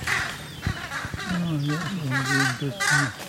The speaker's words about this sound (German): Jetzt hat man sogar das Flügelschlagen gehört, oder? Die Vögel haben Eindruck hinterlassen.